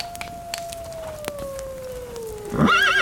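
A long, thin tone slowly falls in pitch across a quiet, hissy background, then a short, shrill, quavering horse whinny rises loudly at the end.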